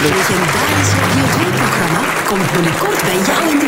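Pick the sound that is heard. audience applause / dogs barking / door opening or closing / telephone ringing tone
audience applause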